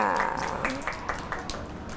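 A short round of scattered applause for a child who helped the teacher scoop carrot into a cup: several sharp claps at an uneven pace for about two seconds, with a voice briefly audible underneath at the start.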